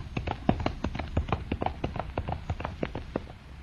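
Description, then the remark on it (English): Hooves of a horse galloping into a burning castle, a fast, uneven run of sharp clattering strikes over a low rumble, holding steady before easing off slightly at the end. No voices. “Look, he's dashing right into the flames. The horse! He's going right into the burning castle!”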